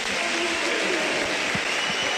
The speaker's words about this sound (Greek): Ο Μακιντάιρ παίρνει το πρώτο θερμό χειροκρότημα των φίλων του Ολυμπιακού.